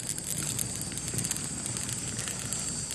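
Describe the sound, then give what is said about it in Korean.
A fire of burning branches, a single branch burning through as small flames spread, with irregular sharp crackles and pops over a constant soft hiss. No voices. “나뭇가지 하나가 타들어가며 작은 불꽃이 퍼진다. 타닥타닥 모두 말없이 불을 바라보고 있다.”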